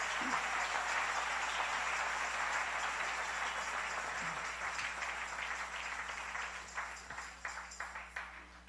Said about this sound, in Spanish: Dale ese aplauso al Rey.